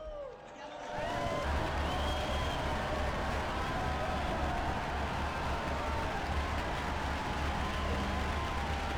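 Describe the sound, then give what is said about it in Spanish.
An audience breaks into applause for Saints Luis Gonzaga and José Isabel Flores Varela after a brief quiet start, a dense, steady wash of clapping that holds at an even loudness throughout, with faint cheering voices threaded through it. “Unidos pues a la Compañía de Jesús y a la Iglesia Mexicana, brindemos nuestro cálido aplauso a los santos Luis Gonzaga y José Isabel Flores Varela.”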